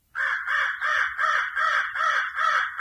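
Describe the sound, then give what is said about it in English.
A crow caws repeatedly in a steady, rhythmic series of about six harsh, loud calls, with no other sounds or voices. “Commonly heard are the crow”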